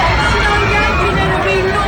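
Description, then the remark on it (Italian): A panicked crowd in a loud, dense wall of overlapping voices and commotion, continuous for the whole short stretch, with no single voice standing out, as a truck drives into the crowd in Nice. “Poi il camion sulla folla a Nizza.”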